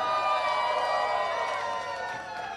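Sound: audience cheering and applause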